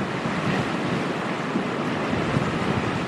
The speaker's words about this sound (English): That's hurricane force in a gust. And there goes another wave.